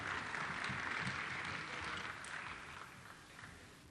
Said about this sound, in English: A big round of applause for our band. Beautiful, great job.